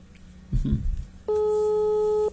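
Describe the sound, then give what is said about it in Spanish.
After a brief low rumble, a steady electronic telephone ringing tone starts partway through and holds loud and unbroken to the end, like an outgoing call waiting to be answered. “Levanta el teléfono.”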